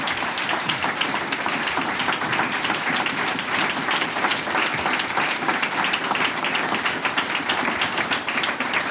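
Sustained applause from a large audience, dense crackling claps at a steady loud level throughout, with no one speaking.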